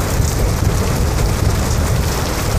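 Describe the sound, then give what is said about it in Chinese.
Heavy rain pours down in a dense, unbroken hiss, loud and steady throughout, with a deep low rumble underneath and no voices. “你说你下了这么大雨，你也非得跑过来，你跟你这都湿了。”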